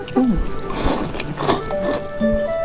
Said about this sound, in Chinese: 哎，对， 大家都是在吸溜面的声音。